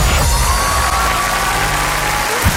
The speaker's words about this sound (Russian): Да, двойная порция аплодисментов. Ты заслужила ее.